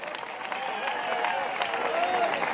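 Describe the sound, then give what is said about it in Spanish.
An audience applauds steadily during a sermon, a dense, even wash of clapping that holds at the same loudness throughout, with scattered voices calling out over it. “Dele fuerte aplauso a ser.”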